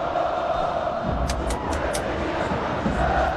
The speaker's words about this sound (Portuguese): O tempo vai passando e o torcedor está gritando assim, ó.